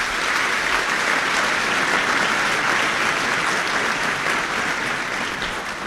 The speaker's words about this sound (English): Please give them all a round of applause.